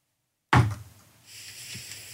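A single loud knock, made as a listener's vote on the radio show De Wekker XL, breaks a brief silence and rings out shortly, followed by a low, steady background hiss with faint shuffling. No one speaks.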